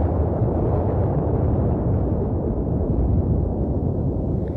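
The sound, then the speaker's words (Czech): A massive ice wall in an ice field topples and collapses, trapping a submarine, in a loud, deep, continuous rumbling roar that thunders steadily for several seconds without easing, heavy, with no voices. “Převrátila se obrovitá ledová stěna a ponorka se v několika vteřinách ocitla v ledovém sevření.”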